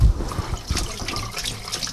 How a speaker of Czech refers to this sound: A já si teď půjdu umýt ruce. Jo, no jasně. Uslyšíte zvuk tekoucí vody.